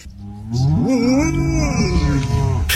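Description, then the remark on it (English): A golden retriever named Lucy Woos imitates a cow's moo with one long, loud lowing call that bends upward in pitch early on, then holds a steady droning tone. No one speaks. “There's a golden retriever called Lucy Woos, great name, on Instagram, and she's been to a farm where she saw a herd of cows in a field and she's mimicked them.”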